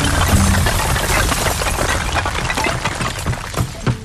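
A loud, sustained crash of a collapsing wooden church roof, a dense roar of breaking timber and falling debris that slowly thins into scattered thuds and cracks near the end.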